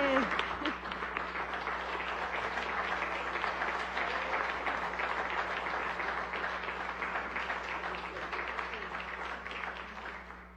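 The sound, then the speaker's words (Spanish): Sustained audience applause for the director of SER TV, next year's host, fills the whole stretch. It is a dense, steady wash of many hands clapping at fairly even loudness, with a faint low hum beneath and a brief voice at the very start. “Un aplauso para el licenciado Dustin Guerra, director de SER TV, nuestro anfitrión del próximo año.”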